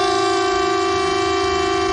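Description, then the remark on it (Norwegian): A civil defence warning siren (typhoon) being tested by the police and civil defence holds a steady, loud, buzzy tone with no voices, sounding continuous and unchanging throughout. “Og tyfonene.”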